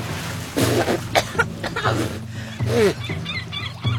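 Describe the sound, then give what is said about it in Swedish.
A person in the sea coughs and splutters after swallowing seawater, in several harsh, sputtering bursts spread across a few seconds, fairly loud, over a low steady background drone. “Jag hostar och frustar.”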